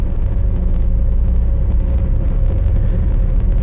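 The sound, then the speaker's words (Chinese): A car engine rumbles steadily as the car drives off, a deep, continuous drone that holds an even loudness throughout, with no voices. “上车吧，我送你们。”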